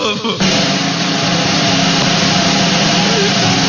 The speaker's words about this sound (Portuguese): Vamos lá, que rufem os tambores de